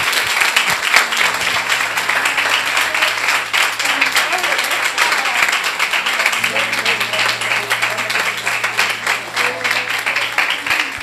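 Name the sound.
audience applauding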